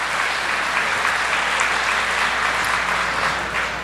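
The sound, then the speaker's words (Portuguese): An audience at Canção Nova's Chácara de Santa Cruz claps steadily to applaud the Eucharistic Jesus, a dense, even wash of many hands applauding at a constant loud level for the whole stretch, with no voices standing out. “Pode aplaudir Jesus Eucarístico.”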